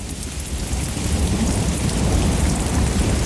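A steady thunderstorm: heavy rain hisses continuously while deep, rolling thunder rumbles low underneath, growing slightly louder toward the end. No voices are present.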